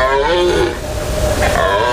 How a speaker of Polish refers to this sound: W lasach możemy już teraz usłyszeć ryk jeleni.